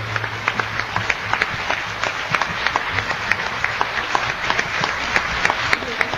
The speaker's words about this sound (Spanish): Un aplauso al Señor por esta oración que nos ha regalado.